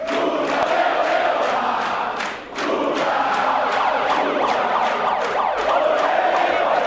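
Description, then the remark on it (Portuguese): A large crowd of Workers' Party supporters shouts and cheers as President Lula takes the stage with a megaphone at 8:20 in the evening after the first-round vote count, a dense roar of many voices with rhythmic sharp accents, briefly dipping before surging again. “Lula subiu ao palco às 8h20 da noite, com um megafone na mão e sob grito de petistas.”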